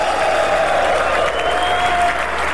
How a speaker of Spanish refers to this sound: los hijos de Shaddai aplauden. Ese aplauso a Shaddai.